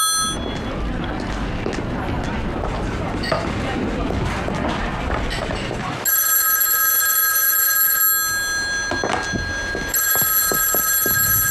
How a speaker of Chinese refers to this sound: 电话。